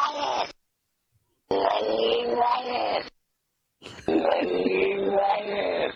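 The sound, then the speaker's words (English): A cat's meows played in reverse: three strange, groaning, moan-like cries, loud, with gaps of silence between them. The cries cut off abruptly. “Yeah, let's do the cat backwards again.”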